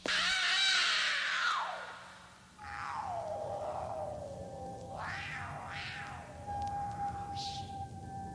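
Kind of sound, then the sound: animal, cat yowling and meowing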